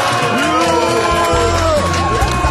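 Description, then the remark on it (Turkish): A crowd booing sound effect, played on cue: loud, continuous booing, a dense mass of overlapping voices with drawn-out jeering tones rising and falling throughout the short burst. “Evet, yuhalamak ister misiniz? Efekt var bende.”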